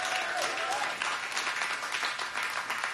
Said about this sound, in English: This is the wonderful crowd here at the wonderful Third in Lindsley in Nashville, Tennessee. Give yourselves a big round of applause.